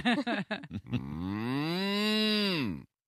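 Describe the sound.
After a few short, choppy vocal bursts, a person lets out one long, loud imitation of a cow's moo, a low droning tone that swells slightly in pitch before sliding down and stopping abruptly.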